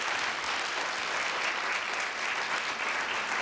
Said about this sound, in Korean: 아, 한 공연에서 여러 명의 지휘자와 호흡을 맞추는 공연을 한다는 게 여간 어려운 일이 아닌데 그 어려운 일을 해내고 있는 우리 부산 청년 국악관현악단 단원 여러분께 뜨거운 박수 한 번만 부탁드립니다.